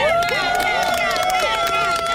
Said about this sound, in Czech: Teďka vlastně můžeme slyšet tady tleskání a všichni jsou nadšení.